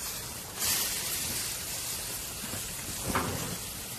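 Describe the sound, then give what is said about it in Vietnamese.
Steady rain hisses down in a dense, even wash of sound, with a slightly louder gust of droplets partway through and no voices. “Mưa này mà có nồi lẩu cay thì ăn đã lắm.”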